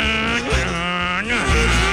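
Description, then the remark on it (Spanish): A voice imitates a motorcycle engine with a buzzing, harmonic drone that revs up and down in pitch over two seconds, loud and continuous with brief dips between revs. “Iba en moto el loco así por toda la pieza.”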